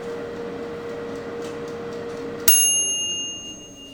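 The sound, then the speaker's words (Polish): A combi oven's end-of-cycle signal as it finishes cooking food: a steady low humming drone gives way to a single bright, bell-like ding that rings with high overtones and slowly fades. No one speaks. “I właśnie w tym momencie kombiwar zakończył swoją pracę.”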